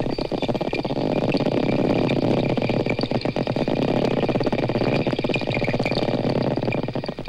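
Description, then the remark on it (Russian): Four dolphins in a pool investigating a microphone lowered into the water, sending dense, rapid trains of echolocation clicks that blur into a steady buzzing rattle, with faint high whistle-like tones, loud and continuous throughout with no talking. “Сейчас четыре дельфина изучают микрофон, который опустили в бассейн.”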